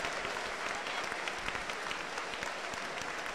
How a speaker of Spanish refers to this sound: y la Iglesia de Cristo le recibe con fuerte aplauso para Jesús.